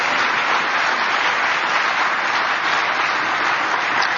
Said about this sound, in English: Let's give 23 years applause.